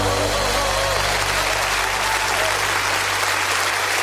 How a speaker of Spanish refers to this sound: aplauso al rey.